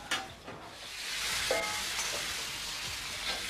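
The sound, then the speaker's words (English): Noodles sizzle and crackle steadily in a hot pan, with a few scraping clatters of stirring, fairly loud, with no one talking. “The noodles are frying for me and my gown.”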